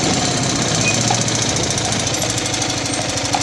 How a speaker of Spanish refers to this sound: ¡Uy, qué ruido más feo hace tu coche!